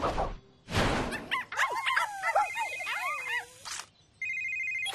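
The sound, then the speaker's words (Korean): A phone rings for an incoming call with a steady, bright electronic tone near the end, after a stretch of high, warbling whimper-like chirps and a couple of short bursts of rustling noise. “어, 잠깐만, 부대시장님 전화도 왔다.”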